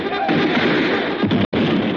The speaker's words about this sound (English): Dan, touch off that cannon. Fire all the cannon. Show them what the army has to say.